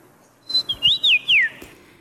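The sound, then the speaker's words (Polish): A person whistles a bird call at the third Polish Championship in bird imitation, performed by the contest's winner: a few clear, high, sliding notes that swoop up and down in quick succession, loud and alone, with no talking. “bo to ona zwyciężyła te trzecie Mistrzostwa Polski w naśladowaniu ptaków.”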